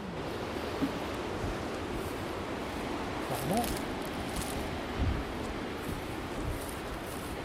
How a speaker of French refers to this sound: Bon, là, il y a une dépression qui est en train de passer. Donc, on a du vent, mais ce n'est pas la tempête.